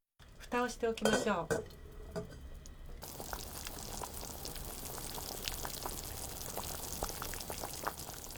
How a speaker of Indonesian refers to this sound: Kemudian tutup panci dan panaskan di atas api kecil selama 20 menit.